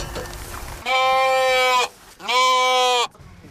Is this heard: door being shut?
no